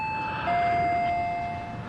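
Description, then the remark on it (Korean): An electronic doorbell chimes two tones as a visitor arrives at the door, a brief higher note and then a longer, slightly lower one that rings for about a second, moderately loud over a quiet background. “초인종 소리에 당비서가 자리에서 일어나 조리문 쪽으로 향한다.”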